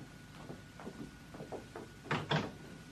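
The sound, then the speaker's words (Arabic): A door opens with a couple of quiet knocks or footsteps first, then two louder wooden thumps and clatter, with no voices. “قدني إلى الباب الذي دخلنا منه.”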